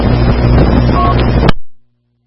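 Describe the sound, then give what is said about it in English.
A loud burst of rushing radio static lasts about a second and a half, then cuts off with a sharp click and a brief fading tail, followed by silence. No voice comes through. “Now I heard your brakes squelch, but that was all.”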